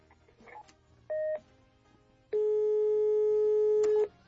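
A telephone rings on the line with no answer: a brief electronic tone, a pause, then a long, steady, mid-pitched ring tone, loud over a faint low hum, with no voices.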